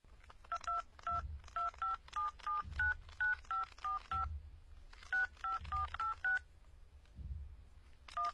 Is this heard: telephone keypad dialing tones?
yes